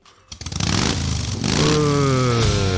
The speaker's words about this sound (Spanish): Guarda, pero acá adentro no vas a prender la moto